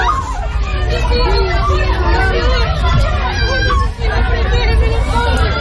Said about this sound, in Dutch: Allerlei landen willen Venezuela helpen na de 2 zware aardbevingen in het land. Veel gebouwen zijn kapot, mensen renden in paniek op straat, is te horen op deze beelden.